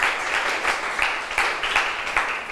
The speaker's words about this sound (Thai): เก่งมากๆเลยปรบมือให้เพื่อนหน่อยค่ะ